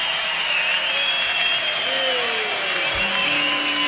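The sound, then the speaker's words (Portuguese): Loud, sustained applause: a dense wash of clapping that holds steady for about four seconds, with faint tonal whistles or cheers threaded through it. “Aplaudissements fort.”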